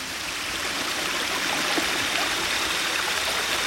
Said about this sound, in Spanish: ¿Qué pasa? ¿Qué es ese ruido? ¡Se está metiendo mucha agua a la casa!